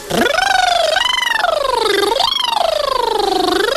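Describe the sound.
A single voice imitates a siren as a vocal exercise, sweeping its pitch steeply upward, then wavering up and down in loud, continuous wails for several seconds, with no other sounds.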